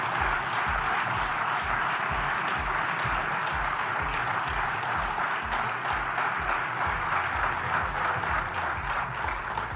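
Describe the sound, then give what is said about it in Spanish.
Sustained applause from a crowd after the president announces a cut in export duties on wheat and barley, a dense steady wash of clapping at even loudness for the whole stretch, with no voices standing out above it. “Bueno, ahí están los aplausos no cerrados, ¿no?”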